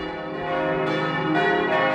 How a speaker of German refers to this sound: Das sind die Glocken der St. Andreaskirche in Lübecke. Heute werden hier 27 Jugendliche konfirmiert.